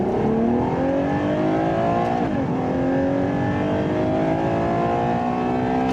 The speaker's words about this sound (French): Je pense qu'il fallait pas moins de cylindres. Qui dit V12 dit quand même sonorité assez noble. Écoutez ça.